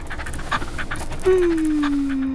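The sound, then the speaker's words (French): A small brown dog pants in quick, soft, rhythmic breaths, and about halfway through a steady high whine slides slowly downward and holds to the end. “Un petit chien marron avec de grands yeux bleus.”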